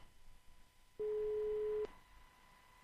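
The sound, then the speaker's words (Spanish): A telephone ringback tone sounds once, a steady loud electronic beep lasting under a second, heard over a faint hissing line while the call goes unanswered. “Ah, no, si no me lo han cogido. ¿Hola?”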